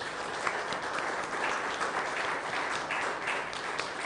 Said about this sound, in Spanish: Un aplauso a nuestros mártires.